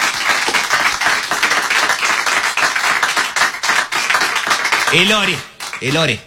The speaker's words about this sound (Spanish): Eso gracias a mi padre que está aquí presente. Quiero que le den un fuerte aplauso.